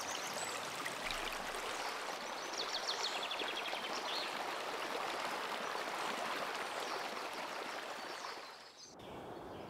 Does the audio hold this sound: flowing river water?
yes